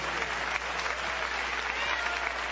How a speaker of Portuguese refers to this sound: Pode louvar a Deus com as palmas, meus irmãos.